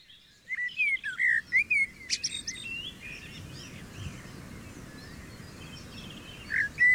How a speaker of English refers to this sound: So, what birds sing first? Wood pigeons are very early songsters. Blackbird is typically the first one you hear.